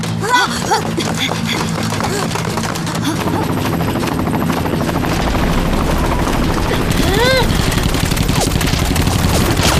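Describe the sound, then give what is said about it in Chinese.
An aircraft engine drones loudly and steadily, revving up before takeoff, with sharp bursts like gunfire and brief shouting voices mixed into the noise. “我掩护，你们快上飞机！”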